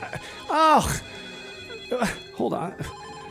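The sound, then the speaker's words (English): A telephone rings in short repeated bursts over a few seconds, clear, with brief vocal sounds breaking in between the rings. “I'm going to have to answer some of these. Let me play some music, and then we'll get back to the phones here, okay?”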